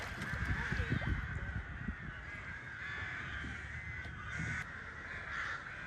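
A dense chorus of crows cawing over one another at a reservoir bird colony that also holds herons and cormorants, harsh calls repeating without a clear rhythm, with a steady bright wash of many birds and low rumbling underneath.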